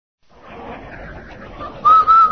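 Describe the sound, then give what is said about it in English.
A man whistles a short, clear phrase of two steady notes, the last sliding upward, loud, following a moment of muffled rumbling background noise. The whistle signals the Rinso radio program. “Hey, Andy, did you hear that man whistle?”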